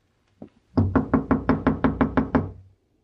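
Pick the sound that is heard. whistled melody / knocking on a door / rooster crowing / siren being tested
knocking on a door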